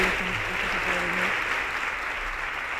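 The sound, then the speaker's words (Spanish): A large crowd in València applauds steadily as the children's and senior courts of honour arrive, a dense, continuous wash of clapping that stays at an even level throughout, with faint low murmuring underneath early on. “i els aplaudiments, el públic evidentment mostrant ese cariño i ese suport a les dos corts d'honor, a la infantil i a la major.”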